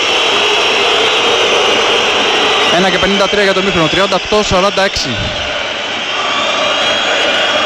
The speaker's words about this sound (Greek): Ακούτε τις αποδοκιμασίες τώρα.